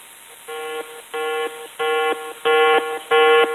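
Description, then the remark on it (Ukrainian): A yellow-level drone threat alert tone sounds five times in a steady rhythm, each harmonic-rich electronic beep lasting about half a second, growing louder with each repetition, with no voices. “Дронова небезпека.”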